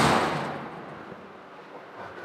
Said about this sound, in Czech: Tak ten zvuk dveří už říká mnoho, protože jsou evidentně pancéřové.